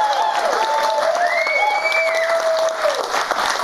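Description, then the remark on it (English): A large studio audience at a TV show taped in New York City cheers and applauds steadily, dense clapping with loud whoops and sustained whistles rising above it throughout. “This is an awesome crowd, although I have to tell you, this is the most our drug dog has ever alerted on an audience.”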